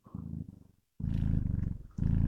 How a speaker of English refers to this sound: Bring him up to the microphone. Oh, yeah. Here he is. Listen to him purr.